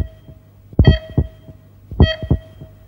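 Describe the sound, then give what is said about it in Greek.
Two double-thump heartbeats, loud, spaced about a second apart, each lub-dub pulse deep and booming over a faint steady hum; a heartbeat sound effect marking the time signal for 10 o'clock. “Στον επόμενο χτύπο της καρδιάς σου, η ώρα θα είναι 10.”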